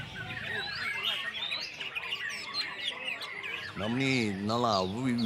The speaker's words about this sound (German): ein sehr feines Gehör haben, um dieses Vogelkonzert schätzen zu können. Einmal im Monat findet im Park ein Wettbewerb statt.